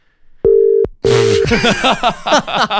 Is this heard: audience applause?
no